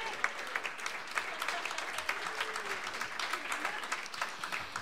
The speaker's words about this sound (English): So we've got time for one more tune, but before he does that, how about one more round of applause for …, the first half of the show here today?